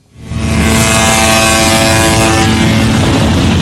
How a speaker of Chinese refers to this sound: 中午12时，在浙江温岭市石塘镇钓帮渔港内，471艘渔船鸣笛起航，奔赴东海渔场。